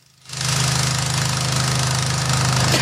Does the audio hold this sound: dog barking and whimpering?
no